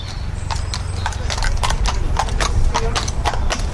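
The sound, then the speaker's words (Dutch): Horses' hooves clip-clop in a steady, overlapping patter of sharp knocks on hard ground as the horses are saddled for the Old Surrey & Burstow hunt's trail hunt in Kent, England, over a low outdoor rumble with faint background voices. “De paarden worden hier opgezadeld.”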